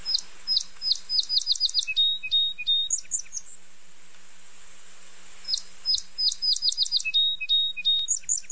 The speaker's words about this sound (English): Next up, we have the song sparrow, which will often perch up and sing. And their song is similar to Maids, Maids, Maids, Put on Your Tea Kettle, Addle, Addle.